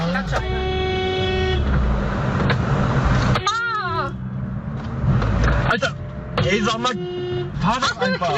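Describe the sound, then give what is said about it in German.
Several car horns honk in busy traffic, long steady blasts overlapping with shorter toots and a wavering siren-like tone, all loud over a rumble of engines. “Und wenn ihr uns gerade im Auto hört, dann hoffen wir wirklich, ihr seid entspannter unterwegs als diese Menschen hier.”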